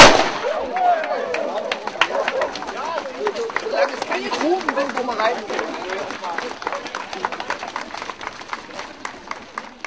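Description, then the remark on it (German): A young man fires a starting pistol with a sharp crack to start a 5-kilometer run, followed by a steady patter of running footsteps and scattered claps amid a busy outdoor crowd with voices chattering throughout. “Der junge Mann hier wird dann fachgerecht mit der Pistole zeitgleich mit Höhenstedt den 5-Kilometer-Lauf den Start hier vollziehen.”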